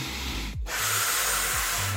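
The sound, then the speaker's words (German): A steady hiss of helium gas being inhaled from a balloon, continuous for two seconds, with a couple of brief low rubbery squeaks from the balloon neck. No one speaks. “Nicht nur die an der Decke fliegenden Ballons zum Geburtstag, sondern auch, wie man klingt, ne, wenn man das Zeug einatmet.”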